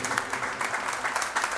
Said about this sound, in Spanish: Otro aplauso para …. Excelente.